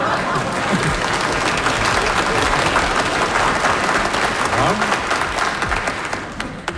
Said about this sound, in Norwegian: Jeg tror navnet druknet i applausen, så hensyn til lytterne skal jeg gjenta Kjell Arne Ljotvik.